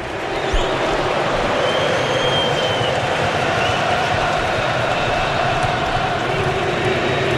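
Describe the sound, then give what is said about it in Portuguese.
Moroccan football fans, a minority in the stadium, sing in a stadium in Houston during a match against Canada, a dense, steady roar of crowd voices with faint sustained chant tones running through it, continuous for the whole stretch without a break. “Canta o torcedor marroquino, que é a minoria no estádio.”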